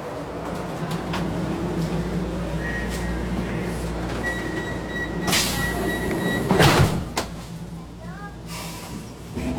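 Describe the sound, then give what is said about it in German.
Steady rumble of a U4 subway train in motion toward Obersankt Veit, heard from inside, with a low continuous drone, faint tonal whines, and a brief louder rattle and door-like clunk partway through; murmuring voices sit underneath. “Wir fahren jetzt mit der U4 nach Obersankt Veit.”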